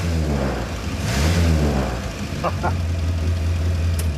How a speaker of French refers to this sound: Mais son charme tenait surtout à son bruit rauque caractéristique, qui faisait la joie de tous les propriétaires de Traveler du pays. Ah ah! Écoutez cet échappement. Ce crépitement, c'est vraiment typique de la Morris Minor.